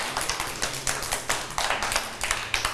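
A small group of people clapping their hands at a steady pace, the claps overlapping into a light, irregular patter close by, with no voices.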